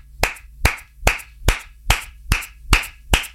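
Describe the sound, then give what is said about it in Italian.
A lone man applauds himself, clapping eight times in a steady, even rhythm, each clap sharp and bright with a quick decay, and no voices are heard. “Scusate ragazzi, mi faccio un applauso.”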